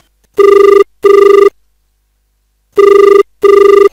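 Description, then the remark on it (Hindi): A telephone rings for the first incoming call to a phone-in folk song radio program, in two loud double-ring bursts with a pause between the pairs and no voices. “और लेते हैं जो पहला फोन।”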